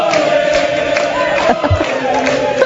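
A large crowd of Quebec Liberal party supporters cheers and shouts loudly and continuously, a dense wall of voices with whoops and yells rising above the roar.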